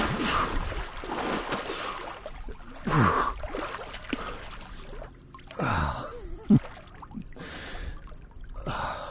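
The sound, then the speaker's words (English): Splashing in cold water as a swimmer dives into Lake Champlain, New York, after beaching a canoe, with several bursts of churning and sloshing, punctuated by sharp gasps and heavy breaths. “After beaching the canoe, it's finally time to dive in.”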